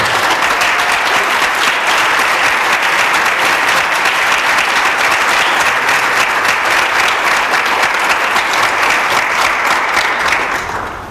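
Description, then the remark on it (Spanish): An audience applauds the makers of a production, clapping steadily and loudly for about eleven seconds, a dense, even wash of many hands that holds its level before tapering slightly at the very end. No one speaks over it. “Casi les pediría un aplauso para ellos, ahora ya sí.”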